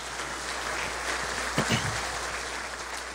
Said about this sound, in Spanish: El servicio público tan dilipendiado muchas veces en esta administración municipal es rescatado, valorado, agradecido, y pido para ellos un fuerte aplauso, por favor.